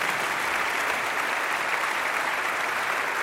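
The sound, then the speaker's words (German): Steady, dense applause from a concert audience fills the whole stretch, many hands clapping at once in a continuous wash of sound with no voices standing out. “Ja, okay, klatschen. Ja, unbedingt.”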